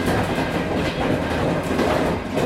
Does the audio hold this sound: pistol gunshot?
no